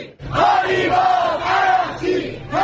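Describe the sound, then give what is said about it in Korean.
A large crowd of Iranian hardliners chants in unison at a protest in Iran against the ceasefire agreement, loud and sustained, with rising and falling shouted phrases repeating in a steady rhythm across the whole stretch, many voices blending into a roaring mass. “이란 내 강경파도 종전 합의에 반대하는 시위까지 벌이고 있습니다.”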